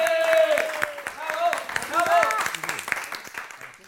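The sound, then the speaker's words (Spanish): An audience on the set of the TV show Toni Rovira y tú applauds two performers with steady, dense clapping, while loud cheering and whooping voices rise and fall over it before the clapping thins out toward the end. “¡Un aplauso para ellos!”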